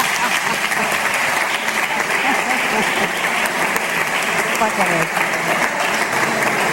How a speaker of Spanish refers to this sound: Ens falta una persona molt important. Ara sí, gran aplaudiment per la senyora Maria Antònia Barragán.